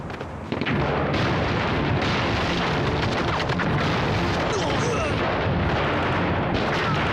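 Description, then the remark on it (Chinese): A dense, continuous barrage of battle gunfire and explosions, loud, with rapid overlapping shots and booms filling the whole stretch without pause. “武士山他们真的打起来了。”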